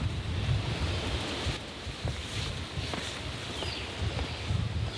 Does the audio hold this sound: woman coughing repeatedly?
no